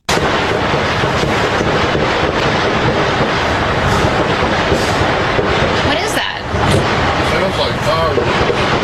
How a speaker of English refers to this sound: Sounds like gunfire. That dumbass is a reporter, and she can't identify the sound of a gunshot. Are you kidding me? But the producer / cameraman, he says fireworks. Yeah. Sounds like fireworks.